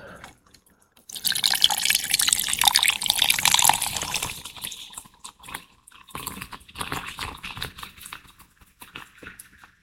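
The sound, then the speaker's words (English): Cola pours steadily for about three seconds into a glass holding rum and squeezed lime for a rum and coke (Cuba Libre), followed by a light, crackling fizz and scattered small drips and pops, fairly quiet, with no talking. “And the fizz.”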